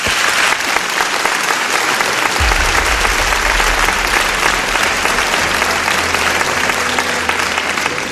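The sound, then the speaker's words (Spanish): A large audience applauds guest Kim Put and her translator, a dense, even wash of clapping that holds at full strength for several seconds, with a low rumble joining partway through and no voices over it. “Os pido un aplauso para ellos dos.”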